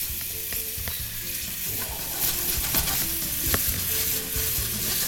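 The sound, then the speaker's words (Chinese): Food sizzles steadily in a hot pan over moderate heat as sauce and a little water are reduced onto the stir-fried ingredients. A broad crackling hiss runs throughout, with occasional sharp clicks and scrapes of a utensil against the pan. No one speaks. “我们再用缩的方式让它吃在食材上。”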